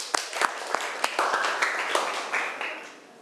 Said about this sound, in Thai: คุณครูอยากให้นักเรียนต้นทางและนักเรียนปลายทางปรบมือให้กับเพื่อนด้วยค่ะ